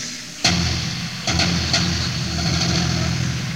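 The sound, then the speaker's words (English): A gigantic bass drum is struck a few times, each hit a loud, deep boom that sinks into a long, rumbling low resonance, with no voices. “Feedback. Timpani. Gigantic bass drum.”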